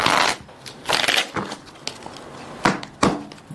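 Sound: shuffling playing cards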